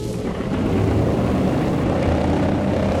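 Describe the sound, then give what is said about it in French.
A steady, loud drone of four-engine propeller airliner engines running at an airport terminal at night, before the plane taxis and departs for the United States carrying Léon Blum. A dense low rumble with a broad roar above it holds constant throughout, with no voices. “Les moteurs sont lancés et l'avion, pivotant tout doucement sur lui-même, roule lentement d'abord, accélère ensuite et disparaît rapidement dans la nuit.”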